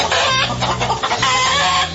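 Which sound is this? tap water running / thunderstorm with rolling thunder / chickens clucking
chickens clucking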